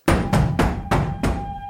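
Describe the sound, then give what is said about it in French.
Five loud, heavy knocks pound on a courtyard door at a steady, slightly uneven pace, each blow booming and ringing briefly before the next, with no voices. “Soudain, on frappa à la porte de la cour avec grand fracas.”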